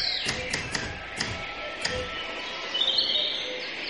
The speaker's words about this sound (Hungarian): 5. jelenet. Kertben. Énekes madarak hangja szól.